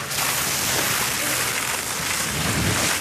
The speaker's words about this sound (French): Les pompiers arrosent le tronc avec une épaisse mousse blanche. Ça permet en fait d'étouffer le feu. En fait, on fait une couche, on supprime l'air.